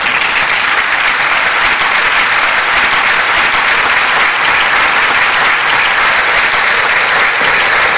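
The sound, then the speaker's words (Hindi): Loud, sustained applause from a crowd welcoming a guest who has just arrived, dense and steady clapping that fills the whole stretch without pause, full with no voices standing out. “उनको तालियों की गूंज में खुश आमदीद कहते हैं और देखते हैं वो हमारे लिए।”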